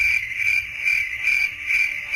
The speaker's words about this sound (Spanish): Me le quedé mirando fijamente, él a mí también, esperando respuesta. Se hizo un silencio donde solo faltaba el sonido de grillos de fondo.